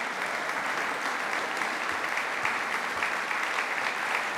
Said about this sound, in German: Ein Konzert der Extraklasse mit der Mezzosopranistin … und dem Lautenisten … und seinem …. Ihnen gilt hier auch dieser Applaus zu Ihrem Konzertabend im Rokoko-Theater in Schwetzing am 22. Mai.